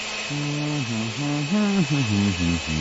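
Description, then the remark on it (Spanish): A blender motor whirs steadily for about three seconds, blending papaya, oats, flaxseed and lemon juice, its buzzing hum shifting up and down in pitch as the contents churn. “Ponga los ingredientes en una licuadora.”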